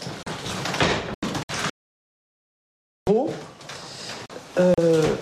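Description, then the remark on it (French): A door leading on from an office in a place where André Gide's archives are kept is opened with a rough rattling scrape, then a pause of silence, followed by more scraping and a few higher, creaky squeals as it moves. “On peut continuer par cette porte.”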